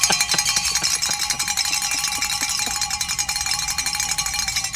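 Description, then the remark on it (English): A big bell rung rapidly and continuously, its bright metallic clangs overlapping into a steady shimmering ring for the whole stretch, loud and with no voices. “Grab Here that big bell you've been given,”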